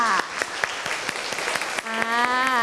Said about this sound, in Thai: ขอบคุณกลุ่ม3มากค่ะปรบมือให้เพื่อนกลุ่ม3ด้วยค่ะ